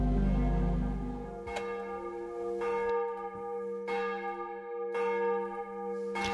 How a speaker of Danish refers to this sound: Klokkerne i Domkirken i København ringer ind til morgenandagt, der i dag er med Peter Skov Jacobsen i spidsen.